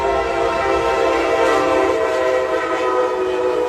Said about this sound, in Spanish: Y bueno, en Miami, el auto de una familia se detuvo en las vías del tren y cuando vieron que la máquina se acercaba, esto fue lo que ocurrió. El auto dejó de funcionar y la familia se bajó.